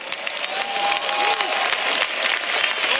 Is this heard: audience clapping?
yes